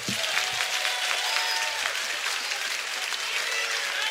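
Audience applause fills the whole stretch, a dense, steady wash of clapping at an even level, with faint voices and a few cheers mixed in underneath.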